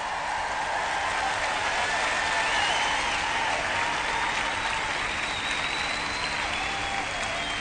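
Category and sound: crowd, audience applause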